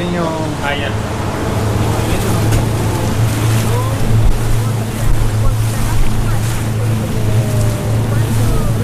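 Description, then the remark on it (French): A boat motor drones steadily on the water, a low constant hum beneath wind buffeting and splashing waves, loud throughout, as the boat heads to a salmon farming site a few metres away. “Donc on va remonter dans le bateau.”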